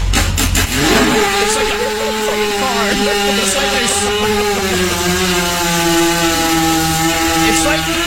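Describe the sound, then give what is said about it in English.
A voice imitates a 250cc dirt bike engine trying to start: a few sputtering bursts, then a loud, buzzing revving drone that wavers for several seconds without catching. “It's like you're starting at like a 250cc motorcycle, like a dirt bike. It won't start.”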